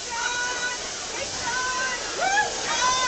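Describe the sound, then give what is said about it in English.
Pouring rain falls on a group of politicians trying to march in step, among them a state representative from Chittenden, making a steady, dense hiss throughout, with faint high voices and brief tonal calls rising above the downpour. “Hard to get everybody doing the same step in the pouring rain.”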